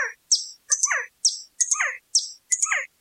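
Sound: birds chirping and singing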